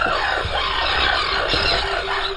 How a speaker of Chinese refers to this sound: 这些鸟叫什么名字？ 这个是大凤头燕鸥。